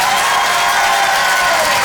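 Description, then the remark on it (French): An audience at the Rire et Chanson Comedy Club applauds and cheers steadily as a comedian comes on stage, a dense wash of clapping with scattered whoops, loud and sustained throughout with no pauses. “Bonsoir tout le monde, faites du bruit!”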